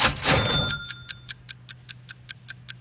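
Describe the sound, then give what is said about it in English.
A brief ringing burst gives way to a clock ticking fast and steadily during a timed quiz, each crisp tick clear over a low background hum, with no voices. “The clock is ready.”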